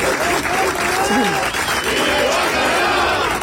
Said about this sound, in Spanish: Comparecencia que se acaba de producir y que terminaba entre algunos aplausos.